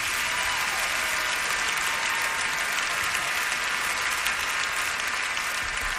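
Sustained audience applause fills the whole recording, a dense, steady wash of many hands clapping at once with no break, loud and close, as after a live performance.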